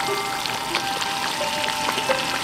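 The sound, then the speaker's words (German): A steady stream of running water hisses, splashing continuously with small droplet ticks scattered throughout, as a person washes their hands under a tap. No one speaks. “Beim Händewaschen auf dem linken.”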